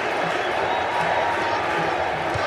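A stadium crowd at Lincoln Financial Field chants for Hendrick during a Brazil versus Haiti football match, a loud, dense wash of many voices that stays steady throughout with slight rhythmic swells, and no single speaker stands out.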